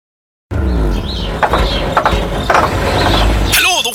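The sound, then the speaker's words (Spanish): A truck engine sputters and struggles, with a heavy low rumble and loose mechanical clattering and rattling throughout, ending in a grinding, squealing burst as it fails. “Pucha, Luchito, pero si su camión no va más, pues.”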